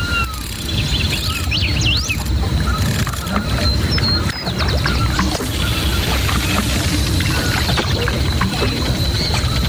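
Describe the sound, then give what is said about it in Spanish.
River water flows steadily and close by, a dense continuous wash of sound, with scattered high bird chirps twittering above it throughout. “Está el río.”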